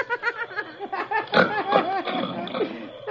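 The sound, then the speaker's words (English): Loud, comical snoring of someone asleep on a cot on a theater stage: a rapid run of nasal snorts and squealing, pitch-bending gasps, rising and falling almost like cackling laughter, with no talking over it. “Listen to them snores. Sounds like a hyena.”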